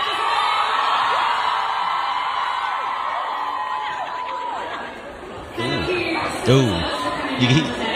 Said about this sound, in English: you hear the crowd sort of start cheering or ooing as someone attacks Zane as he's leaving the stage